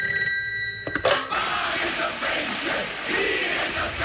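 A telephone rings for about a second with a steady, bright electronic tone as a call is placed, then gives way to a loud, continuous wash of crowd-like noise that carries on to the end.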